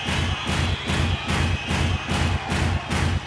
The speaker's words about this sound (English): Hands up. That applies to all of you. Now clap your hands. Stamp your right foot on the ground. Louder.